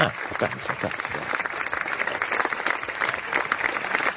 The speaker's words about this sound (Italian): Lo facciamo? Un bel applausetto a distanza